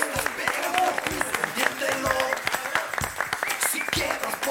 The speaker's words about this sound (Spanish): ¡Aplausos!